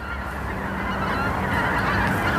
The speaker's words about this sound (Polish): To pamiętacie, prawda, że to gęsi.